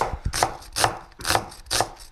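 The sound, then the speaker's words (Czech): A cleaver, like a small kitchen axe, chops onions on a board in steady, evenly spaced strokes, four crisp thuds about half a second apart, fairly loud with no talking. “Jarda krájí cibule, kdybyste viděli, to není nůž, to je sekáček, to je malá sekerka kuchyňská.”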